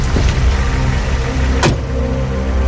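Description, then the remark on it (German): A dark SUV with Polish licence plates slowly approaches a ransom handover spot in a parking lot at night and briefly stops, its engine idling with a low, steady rumble, a brief mechanical whir like a power window, then a short sharp click before the engine hum continues. “Und ein dunkler Geländewagen mit polnischem Kennzeichen fährt kurz darauf auf den Parkplatz. Das Fahrzeug nähert sich langsam dem Übergabeort. Stoppt kurz.”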